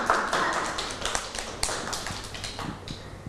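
A group of children clapping, a scattered, uneven patter of sharp claps that keeps going steadily for a few seconds with no one talking.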